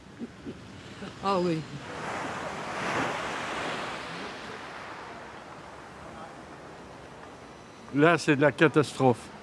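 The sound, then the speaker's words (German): Gentle waves of a completely calm sea wash steadily onto the shore at Etretat, France, in fine weather, a soft, continuous hiss that swells and recedes, with a voice speaking briefly near the start and again at the end. “Und das Meer ist wunderschön. Das Meer ist vollkommen ruhig.”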